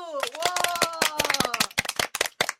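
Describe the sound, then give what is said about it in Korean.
A burst of rapid, uneven clapping from several hands in congratulation, loud and continuous for a couple of seconds, with a voice cheering over the start before the applause takes over. “자, 큰 박수!”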